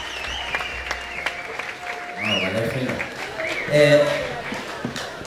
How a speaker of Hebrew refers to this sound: לפי מחיאות הכפיים אתם שומעים שהחברים כבר עלו חזרה לבמה.